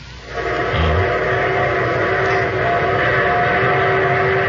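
A train rumbles in loud, a dense steady roar with a sustained tonal hum that swells up quickly at the start and then holds. No one speaks.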